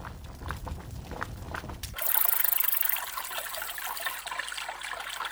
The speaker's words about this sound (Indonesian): Dayang, aku mandi sebentar di sungai ya. Hati-hati, Nyonya. Arusnya deras.